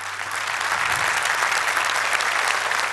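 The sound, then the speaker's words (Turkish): Steady applause from an audience for the musicians and orchestra after a live performance, a dense patter of many hands clapping at a constant, fairly loud level throughout with no voices on top. “Öncelikle şöyle kıymetli ustalarımıza, müzisyenlere, orkestra ekibimize bir alkış.”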